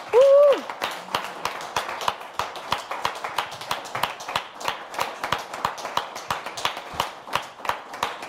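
An audience breaks into sustained applause, many hands clapping in a dense, steady patter that holds for several seconds, opening with a brief high vocal whoop.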